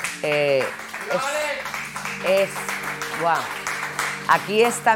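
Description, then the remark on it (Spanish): A crowd applauds steadily for several seconds, a dense wash of clapping with voices calling and cheering over it. The applause is for the speaker's son. “Es que un aplauso para mi hijo, por favor.”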